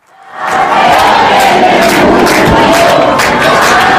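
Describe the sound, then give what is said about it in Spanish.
A huge stadium crowd chants the name of the national team coach in unison, a loud, continuous roar of voices marked by regular rhythmic surges of the repeated chant, with no one speaking over it. “ya sé que hablamos en este tono informal, medio tal, pero no sé si esto ocurre en muchos otros lugares donde coreen el nombre del seleccionador.”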